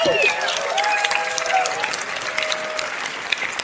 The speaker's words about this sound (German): Da gibt's einen Applaus einfach schon mal.